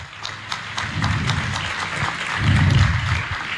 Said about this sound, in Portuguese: E eu queria pedir o padre João Vicente, nosso vigário episcopal. Uma salva de palmas ao padre João Vicente.